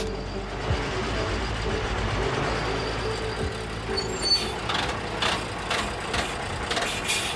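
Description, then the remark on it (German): A fire brigade command vehicle, a mobile command centre, rumbles along with a steady low engine drone, then slows, with a few broad hissing bursts near the end as it comes to a stop on arriving at Spandau station. No one speaks. “Als wir am Bahnhof Spandau ankommen, stehen da schon mehrere Löschfahrzeuge mit Blaulicht.”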